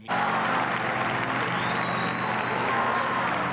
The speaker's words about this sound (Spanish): Y así, entre aplausos al Papa y el canto de la salve, ha concluido la celebración.